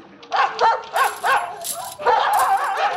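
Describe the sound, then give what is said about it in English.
Several dogs bark and yelp excitedly from their pens, sharp overlapping yaps coming in quick bursts, with a brief lull before a busier, more continuous chorus of barking. “I'm afraid I haven't got any cans to carry the petrol in, but there's a stack of empty gin bottles over there by the dog pens.”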